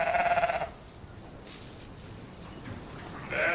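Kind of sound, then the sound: animal, sheep bleating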